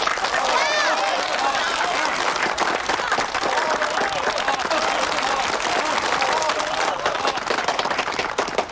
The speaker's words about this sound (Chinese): 一对新人在这个明媚的夏天即将喜结连理，让我们以热烈的掌声祝贺他们。